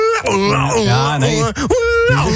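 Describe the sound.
A voice imitates the festival alarm of a radio programme's Festival Donderdag with a loud, wailing siren-like cry, its pitch sweeping up and down in wavering swoops for a couple of seconds, briefly breaking before a final rising wail.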